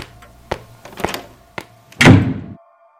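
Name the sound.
slap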